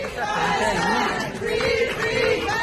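A crowd loudly cheers and shouts in welcome at the arrivals gate of El Prat airport in Barcelona as Palestinian activist Saif Abu Keshe comes out, many voices blending into a continuous, excited roar with raised calls rising above it.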